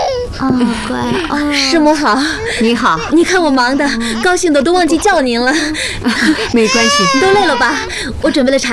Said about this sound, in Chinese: 这是小的吧？ 来来来， 怎么哭了呢？ 太小了，认生呢。